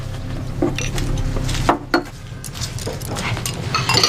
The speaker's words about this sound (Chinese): 大哥，你抱着孩子，我洗碗。 还是我来洗碗吧。 你哪会洗碗啊？我来吧，你抱一会儿。 没事，我来洗吧。